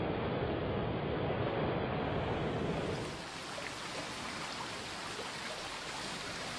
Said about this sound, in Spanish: La extraordinaria geografía de este valle conjuga prados y bosques boreales con corrientes fluviales de sonoras y espumeantes cascadas que bajan de la pura geología pétrea de las alturas.